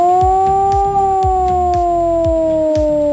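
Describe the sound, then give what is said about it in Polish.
A civil defense air raid siren, sounded nationwide during the Alarm 26 exercise testing the warning system, wails continuously with a steady, slowly falling tone, loud and sustained, with faint low rhythmic thumps underneath and no voices. “A w całym kraju można dziś usłyszeć wycie syren alarmowych.”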